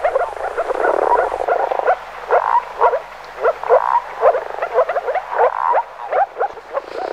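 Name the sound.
moor frog calling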